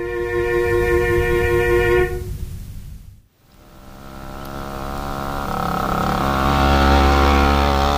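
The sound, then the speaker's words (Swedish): A small two-stroke moped engine whines at a steady pitch, drops away and nearly cuts out for a moment, then revs back up, growing louder and buzzier. No one speaks. “Han körde från Lägerö till Helsingfors centrum med den mopeden och violinen också mitten på vinter.”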